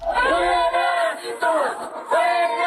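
A protest crowd chants the slogan "fuera gringos" in loud, rhythmic bursts, many voices rising together in repeated shouted phrases with brief dips between them.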